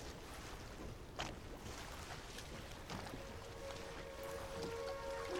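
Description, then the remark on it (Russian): Steady rushing river water with occasional soft splashes and sloshing, continuous, as a snag of driftwood floats down the river toward the bank, while a faint thin hum rises in the background near the end. “По реке к берегу плывет коряга.”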